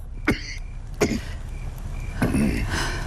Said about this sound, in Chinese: 爷，您整夜的咳，没睡一会儿啊？ 夜不能寐呀、啊。 我去熬药，莱雅采来的草药，也许能治你的咳嗽。